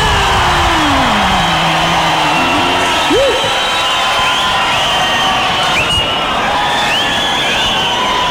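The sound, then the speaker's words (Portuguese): A large crowd applauds and cheers loudly and steadily for several seconds for a performing duo, with whoops and a whistle rising above the dense, continuous roar. “Eu queria que vocês aplaudissem com muito carinho a dupla”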